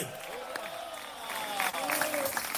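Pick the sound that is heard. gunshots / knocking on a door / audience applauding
audience applauding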